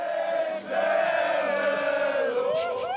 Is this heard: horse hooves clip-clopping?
no